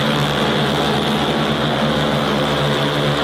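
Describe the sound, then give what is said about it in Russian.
A loud, steady whine of cargo drone propellers fills the air continuously, a dense buzzing hum with a low droning pitch and no voices, as a caravan of drones carrying bags of food (grain, pasta, sunflower oil, flour) lifts off and flies over Kherson, Ukraine. “И следом за первым тестовым дроном в небо над Херсоном подняли целый продуктовый аэрокараван.”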